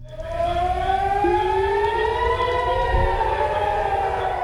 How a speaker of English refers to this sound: sirens in the city of Haifa after Iran launched a salvo of missiles toward Israel this afternoon.